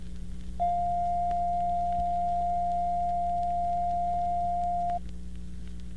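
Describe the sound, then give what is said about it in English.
A steady, pure mid-pitched reference tone sounds alone for about four seconds at a constant loud level, starting and stopping abruptly over a faint background hum and hiss. “following tone is a reference tone of 700 cycles per second recorded at operating level.”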